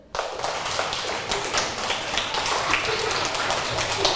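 A group of children clapping their hands during a class lesson on sounds made by people, a dense, steady patter of many overlapping claps that carries on for several seconds, fairly loud, with no talking.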